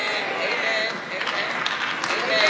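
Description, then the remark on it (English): A room full of people clapping, a dense, steady patter of scattered handclaps mixed with murmuring voices, holding fairly loud across the whole stretch. “Don't try to clap now, y'all. It's too late.”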